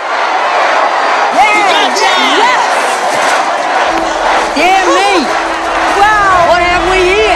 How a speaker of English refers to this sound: The enormous gathering of child workers floods the street